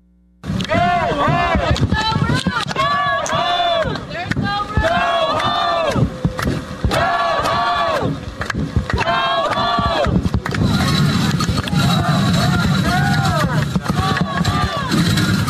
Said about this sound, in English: So tensions are still rising from overnight there outside Delaney Hall in Newark on Saturday night. Protesters clashed with both private security as well as law enforcement.